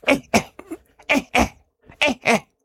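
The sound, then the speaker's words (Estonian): A person imitates an Old World monkey alarm call warning of an air attack: three sharp, abrupt double coughs, each pair of bursts quick and close together, separated by short pauses, loud. “Tema kohustus on öelda, nagu kõikidel pärdiklastel seda on teada, hoiatav häälitsus on topelt köhatus, mis tähendab õhu häire.”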